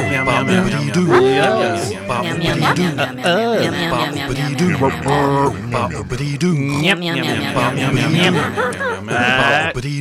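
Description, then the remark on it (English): A loud, continuous stream of repeated meows, overlapping and sliding up and down in pitch with almost no pauses between them, closing out the Salaam radio show. “and we will close out with an explanation as to what we ended with, which was meow, meow, meow, meow”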